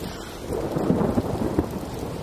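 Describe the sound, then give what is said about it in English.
Steady rain pours down while low, rolling thunder rumbles through, a continuous dense wash of sound with deep swells rising and fading. “Oh, it would rain.”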